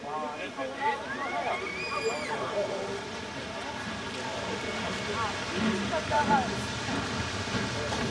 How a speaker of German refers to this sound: Als erstes verlässt der etwas kürzere Zug 1, gezogen von 01509, den Bahnhof in Hausach.